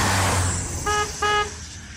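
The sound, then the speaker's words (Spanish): Two short, loud car horn honks in quick succession, each about a third of a second, over a steady rumble of road and engine noise. “¡Toca la bocina!”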